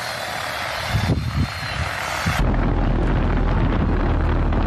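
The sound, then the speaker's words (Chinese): A crop-spraying agricultural drone flies steadily overhead above a wheat field in Sanguan Village, Shuanggou Town, Qiaocheng District, spraying pesticide on the wheat at an even pace. Its rotors produce a loud, continuous whir and rumble that swells partway through, with no talking. “田间上空，植保无人机匀速为小麦喷洒防空药剂。”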